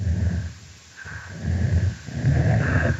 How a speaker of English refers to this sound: Here we hear an adult female snapping turtle engaging in a chuffing vocalization, and it's punctuated by a different call type, which we call a growl.